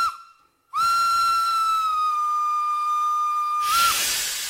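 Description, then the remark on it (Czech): A steam train departing from a station platform: a short toot, a brief pause, then a long, steady, high-pitched whistle held for about three seconds, ending in a loud rush of hissing steam. “Vlak se hnul.”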